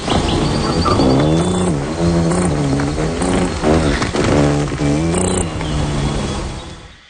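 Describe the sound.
Pierre Verville imitates the wing buzz of a ruby-throated hummingbird during its courtship display: a loud, continuous nasal drone whose pitch swoops up and down in waves for about seven seconds, with no other talking.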